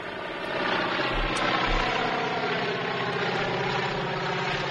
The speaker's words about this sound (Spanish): Como puedes escuchar, escuchamos un avión. Es un avión. De motores, antiguo. Sí, sí, sí. Que va volando.